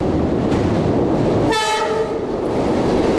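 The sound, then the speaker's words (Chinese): A train travelling from Hong Kong to Guangzhou rumbles along steadily and loudly, and midway a single horn blast sounds for about half a second over the continuous roar of the wheels. “在从香港赴广州的火车上”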